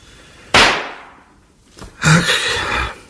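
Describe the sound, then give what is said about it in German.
Pistol shots as Hedda plays with the pistols again: a sudden sharp crack that trails off, followed about a second and a half later by a second loud, rougher burst that lingers a bit longer. “Ach, jetzt spielt sie schon wieder mit den Pistolen.”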